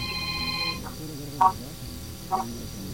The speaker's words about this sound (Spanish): Ocupo que me regales 5 bocinazos medianitos en tu coche ahora. No, pues no suenas. No se oye, mi amor.